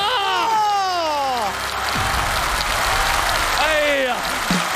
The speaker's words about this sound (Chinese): 要掌声啊！ 掌声！